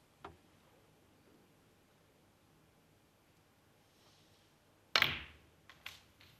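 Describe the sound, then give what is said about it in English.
Snooker balls click together on the table as a shot unintentionally cannons a red: a faint tap early, then one sharp, crisp knock followed by a couple of lighter clicks, with no talking. “Didn't want to cannon that one.”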